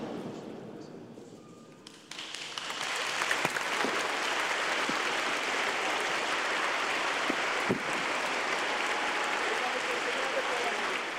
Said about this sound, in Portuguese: Os aplausos após a bênção do Santo Padre, também a sua breve saudação